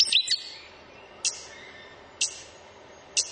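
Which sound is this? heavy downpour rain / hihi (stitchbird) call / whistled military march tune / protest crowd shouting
hihi (stitchbird) call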